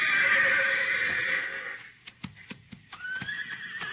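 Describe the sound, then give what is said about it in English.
A horse named Thunder gives a loud, high, drawn-out whinny that fades, followed by a few sharp hoof knocks and the start of another shrill neigh. “What's the matter, Thunder? Oh, boy. Stone in your hoof?”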